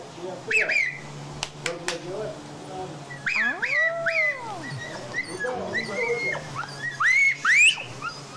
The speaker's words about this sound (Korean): 와, 이 소리를 듣고 정말로 강아지들이 왔습니다. 이 말을 알아듣나 봐요.